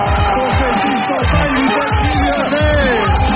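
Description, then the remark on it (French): A television game show audience on Le Millionnaire erupts in loud, joyful cheering as a contestant wins the million, with overlapping shouts and rising whoops that stay at a steady, dense roar throughout. “Explosion de joie.”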